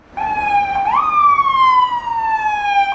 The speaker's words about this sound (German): Ein Krankenwagen fährt über den Prager Karlsplatz vorbei an Joachim Topol.